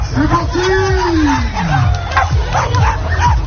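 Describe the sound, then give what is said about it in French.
Several dogs bark, yip and whine in quick, overlapping bursts over a steady outdoor crowd murmur with people talking in the background, during an obstacle course for dogs with straw pyramids and tyre obstacles on the Promenade des Anglais at an annual dog festival in Nice, France, with about 500 participants. “une course avec des obstacles pour les chiens, des pyramides de paille, des obstacles de pneus disposés jusqu'à l'hôpital Lanval”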